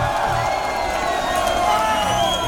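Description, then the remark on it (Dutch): A large audience cheers and applauds a singer after a live performance, a dense roar of clapping with scattered whoops and shouts, loud and sustained throughout without a break. “Dames en heren, mag je waanzinnig applaus.”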